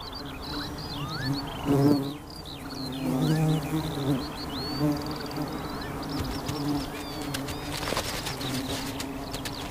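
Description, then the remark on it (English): Bees buzz steadily in flight, a low droning hum that rises and falls as they pass, while birds chirp and twitter faintly in the background. “The pollen literally jumps from flower to bee, and it's all down to static electricity, which the bees pick up in flight.”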